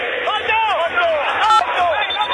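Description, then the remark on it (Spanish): River fans in a football stadium shout and chant together during a match, a dense, steady roar of many overlapping voices with rising and falling pitched cries, loud throughout the short stretch. “Escuchá a la gente, escuchá.”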